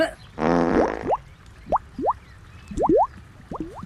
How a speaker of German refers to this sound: Moment, ich springe ins Wasser und hänge mich hinten ans Boot dran. Und jetzt werde ich alleine durch Pupsen das Boot auf über 30 Stundenkilometer beschleunigen. Achtung, 3, 2, 1.